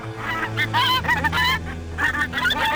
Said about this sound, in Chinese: 院庭里只有几只鹅在悠闲地乱叫，看见小五迎上去啄他的衣服。